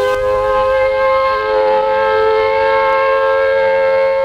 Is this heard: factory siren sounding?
yes